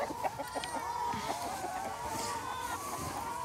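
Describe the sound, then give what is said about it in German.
A flock of brown-egg-laying hens clucks continuously, a dense overlapping chatter of short, mid-pitched calls at a steady moderate loudness, with no clear talking over it. “Hühner, komm mal her, komm, komm, komm, komm.”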